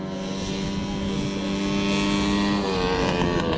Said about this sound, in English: On a racetrack in central Queensland, drivers are revving their engines. But these aren't typical race cars. They are lawn mowers.